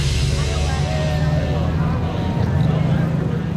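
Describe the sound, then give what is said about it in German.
Around 300 old cars from the past 100 years rumble and rattle past in a parade through Springfield, Missouri, a loud, steady low chugging that holds for several seconds with a faint wash of background noise. “300 Autos aus den vergangenen 100 Jahren knattern durch Springfield in Missouri.”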